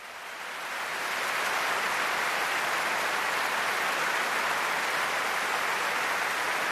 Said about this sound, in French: Et oui, des applaudissements chaleureux du public pour saluer les 255 choristes, les 10 timbaliers, les cuivres, les percussions, tout cet orchestre et ces deux chœurs réunis pour cette soirée.